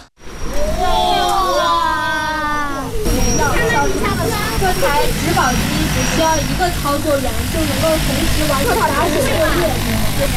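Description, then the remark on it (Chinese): A large multirotor crop-protection spraying drone roars steadily as it lifts off at a company's drone training ground in Luoyang National University Science Park, China, its motors whining and shifting in pitch, while a voice talks over the buzzing throughout. “研学的最后一站是洛阳国家大学科技园，在园区一家创新型企业的无人机训练场上，一架大型植保无人机腾空而起，学生们仰头观看，不时发出阵阵惊呼。”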